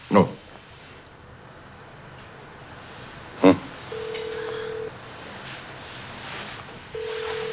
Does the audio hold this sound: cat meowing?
no